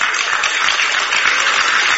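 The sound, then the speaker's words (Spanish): A crowd applauds steadily, a dense, even wash of many hands clapping at once with no voices standing out, holding the same level throughout, after Milei answers a question about recession. “Y los alcahuetes aplauden.”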